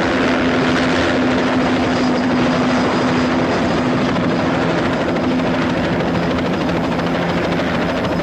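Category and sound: vehicle, helicopter flying past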